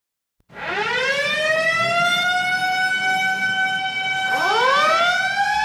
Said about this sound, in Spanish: Nada toma tu atención cuando escuchas el sonido de una sirena, pero dos cosas son ciertas, que alguien necesita ayuda y alguien está apresurado para brindarlo.